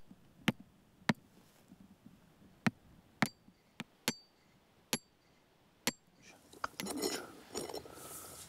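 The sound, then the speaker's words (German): A small hammer strikes metal in a series of sharp, ringing taps at irregular intervals, about ten blows, ending with a brief rustling scrape, while taking a soil sample to check how thick the peat is under a meadow surface. “Probieren wir. Wenn nicht, aber ob der kleine Hammer reicht, wissen wir jetzt noch nicht.”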